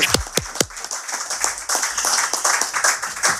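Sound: audience clapping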